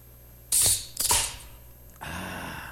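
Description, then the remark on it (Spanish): A bottle cap is pried off in two sharp, hissing bursts of clicks and scraping, followed by a steady, softer fizz as the carbonation releases. No one speaks. “Déjeme empezar a destapar botellas a continuación, pero no cualquier botella, oiga.”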